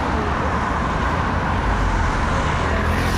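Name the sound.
heavy highway traffic passing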